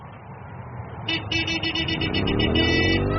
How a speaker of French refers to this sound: Vous êtes en ville. Une circulation dense, des klaxons, une moto passe à toute vitesse, moteur hurlant.